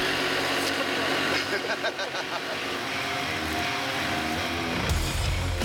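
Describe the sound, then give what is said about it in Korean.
A tractor engine rumbles and chugs steadily, a continuous, loud mechanical drone with a slight rise in revving near the end, as the tractor arrives in the countryside to pull out a stuck truck. “구세주 같은 트랙터 등장입니다.”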